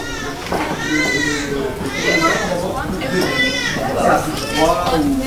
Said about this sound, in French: Bon, là on va arriver, je pense que ça va être un peu la folie, c'est l'heure des soins le matin. Donc là on a deux services de suite de couches. Bah, on entend déjà crier. On va passer devant la nurserie.